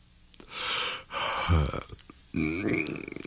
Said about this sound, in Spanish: Ay, muchas veces lo primero que hacemos al empezar el día es bostezar. Ay, es como si la boca quisiera estirarse, hacerse lo más grande que puede, aflojarse para empezar el día.